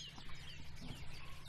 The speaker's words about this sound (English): First wren, wasn't it? It was a wren, wasn't it?